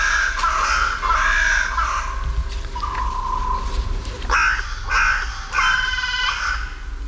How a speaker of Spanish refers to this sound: Palacio Real se despiertan las cornejas pues de a su manera, con esta voz cascada.